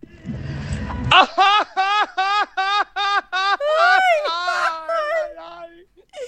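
A person screams and cries in a rapid series of about nine sharp, high-pitched wailing bursts. The cries merge into a longer, wavering sob and fade at the end, after a brief low rumble.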